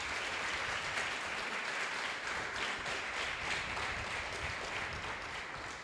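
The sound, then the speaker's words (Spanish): A church audience applauds God steadily, a dense wash of many hands clapping at once that holds strong for several seconds without any voices standing out. “Denle un fuerte aplauso al que todo lo puede.”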